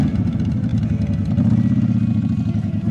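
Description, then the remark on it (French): Motorcycle engines rumble steadily in a motorcycle parade during a day of celebrations, a dense, throbbing low idle with faint mechanical clatter, continuous and loud throughout with no voices. “Au menu de la journée, un défilé de motos, des concerts, deux films sur écran géant.”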